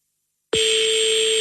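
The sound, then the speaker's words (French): A phone call to a number in the 20th arrondissement of Paris goes unanswered. After half a second of silence, a telephone ringing tone starts abruptly: one steady, mid-pitched electronic tone with a bright buzzy edge, holding at constant loudness to the end. “Ah, je pense qu'elle va laisser sonner la coquine.”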